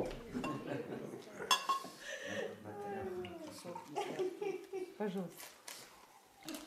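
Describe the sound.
Water is poured into a glass for the defendant during a court hearing, its gurgle rising in pitch as it fills, with a few light clinks of glass. Muffled voices murmur in the background.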